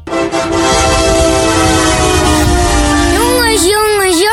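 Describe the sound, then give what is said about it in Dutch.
A truck that weekly fetches new stock of campers for Ron Hazenberg Campers in Scheemda blares its air horn in one long, loud, steady blast that fills the whole clip, its pitch wavering and bending in the final second. “Wat een mooie vrachtwagen!”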